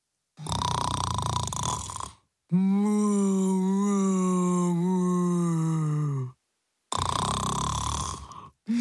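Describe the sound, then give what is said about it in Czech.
Loud, exaggerated snoring: a harsh rasping breath, a long droning moan-like exhale, then another rasp. It sounds like a voice imitating a spotted cow snoring as it sleeps in the middle of a forget-me-not flower bed under a tree. “Uprostřed záhonu s blaženým úsměvem ve tváři sladce spala kráva Kunegunda a hrozně přitom chrápala.”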